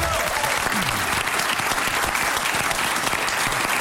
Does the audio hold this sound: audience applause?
yes